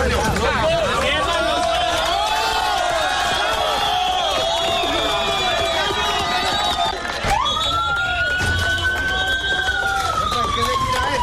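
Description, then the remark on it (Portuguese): Rescue teams and relatives shout and cheer with joy, excitedly and continuously, as a 32-year-old woman is carried out alive on a stretcher from earthquake rubble 36 hours after the quake, while a siren wails over the commotion, its tone rising and holding steady in the second half. “foi retirada em uma maca dos escombros, enquanto as equipes e os parentes gritavam de alegria.”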